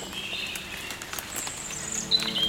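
Birds hidden in the tree canopy chirp and whistle in thin, high calls over the steady patter of falling rain, several short tweets rising above the wet hiss.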